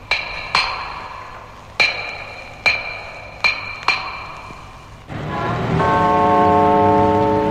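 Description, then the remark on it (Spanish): The old tower clock in the great plaza of Docky Hall strikes eight times at an uneven, unhurried pace, each clang ringing out and fading before the next, then a sustained resonant tone swells and holds. No voices. “El antiguo reloj de la torre colocado en la gran plaza de Docky Hall deja escapar lentamente 8 campanadas.”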